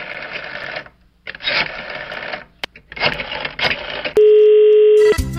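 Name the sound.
telephone tone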